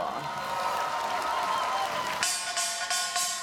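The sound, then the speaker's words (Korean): An audience breaks into applause over a busy crowd murmur, then settles into a few loud, evenly spaced rhythmic claps toward the end. “박수 한번 주십시오.”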